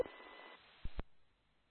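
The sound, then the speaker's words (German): A thin, tinny telephone sound plays for under two seconds, a steady electronic hum followed by two sharp clicks, with no one talking. “Sabine lässt gerade das Telefon so laut laufen”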